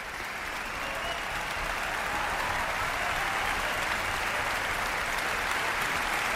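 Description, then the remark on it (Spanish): Sustained, dense applause from a large concert audience after a performance of Brahms's Violin Concerto in D major, Op. 77, a steady roar of many hands clapping at once without pause for several seconds, with no voices standing out. “Ha habido una gran complicidad entre orquesta, solista y director que se ha transmitido al público de la sala y por eso agradecen con esta cantidad de aplausos esa conexión.”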